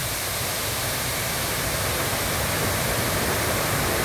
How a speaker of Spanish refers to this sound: Dice sector Libún antes de Batu, qué maravillosa la cascada que hay ahí en ese sector, el ruido del agua, ¿eh?